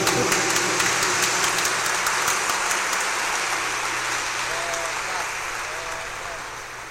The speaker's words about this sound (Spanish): para el Señor, nuestro más fuerte aplauso.